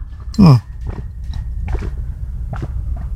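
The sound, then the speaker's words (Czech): Someone drinks water from a half-litre bottle: a brief loud gurgling gulp with a falling pitch, followed by several soft, irregular swallowing clicks and mouth noises, with no talking. “Já tady mám půl litr vody, tak si to dáme takhle živě.”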